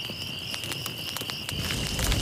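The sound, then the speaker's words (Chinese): A bonfire crackles and pops in irregular bursts, steady, with a continuous high insect-like whine in the background and a low rumble underneath; no one speaks. The bonfire is lit for an evening bonfire party of volunteers and villagers in Haozi Village. “来来，把篝火燃起来，得令。”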